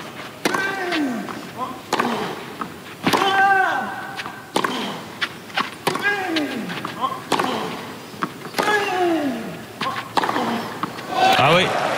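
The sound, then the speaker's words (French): A tennis rally with a racket repeatedly striking the ball, sharp crisp pops roughly every second or so, ending in a forehand winner hit down the line, mixed with squeaky, whistling tones and some background voices. “Cette gifle de coup droit pour Félix Auger-Aliassime le long de la ligne.”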